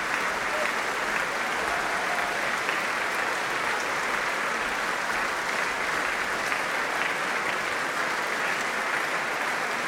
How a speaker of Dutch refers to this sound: Ja, groot applaus dus voor het Rotterdams Philharmonisch Orkest.